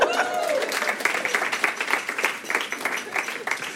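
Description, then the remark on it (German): A comedy show audience applauds the first comedian: many hands clapping in a dense, steady crackle that stays fairly loud for the whole stretch, with a brief whoop or cheer rising near the start. “Hier ist unser erster Comedian, macht einmal Applaus.”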